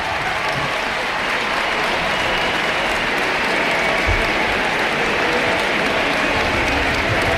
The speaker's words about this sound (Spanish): La gente que está empezando a vislumbrar ese cambio y a disfrutarlo seguramente en este Ullevaal Estadio. Vamos a escuchar la ovación y los aplausos de Alexia para la grada y de la grada hacia ella.